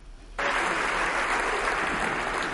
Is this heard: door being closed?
no